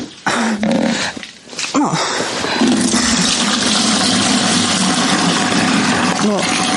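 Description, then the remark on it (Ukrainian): Rainwater pours and splashes steadily through the ceiling of a house left almost without a roof, seeping from the second floor down to the first and caught in household dishes, a continuous rushing stream with a few brief whining vocal sounds over it. “Дім фактично без даху, і вся ця вода просочується через стелю на перший поверх.”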